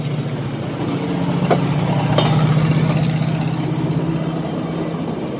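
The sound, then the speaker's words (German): A small rail car that looks like an automobile, with no steering wheel and standing on a railway turntable, idles its engine steadily, a low continuous rumbling hum with a couple of faint clicks partway through and no voices. “Hören wir mal das Schienenauto.”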